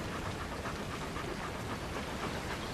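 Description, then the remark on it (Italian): A dog pants quickly and steadily after being taken for a walk, a continuous run of breathy huffs against a broad hiss, with no one speaking. “Ho portato il cane a fare un giro.”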